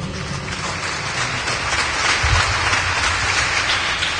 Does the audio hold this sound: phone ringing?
no